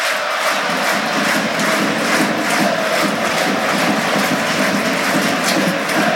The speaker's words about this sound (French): Et vous entendez la butte paillade qui chante toujours, accompagnée par les applaudissements de La Mosson.